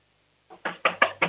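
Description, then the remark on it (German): Four or five loud, solid knocks on a door in quick succession, a slightly softer first rap followed by steady, forceful blows and no voices; an 8-year-old boy knocking as hard as he can on a door for a radio show. “Okay, dann lauf jetzt mal zur Tür und klopf mal volle Kanne an.”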